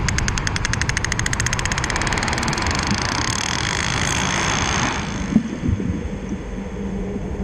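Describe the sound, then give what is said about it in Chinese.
A sperm whale's rapid echolocation clicks, made while hunting squid with sonar at about 800 metres depth, form a fast, buzzing train of sharp clicks over a low rumble, holding steady for about five seconds before thinning out and fading. No one speaks. “在水深800米左右的地方，突然出现了一阵急促的咔嗒声。”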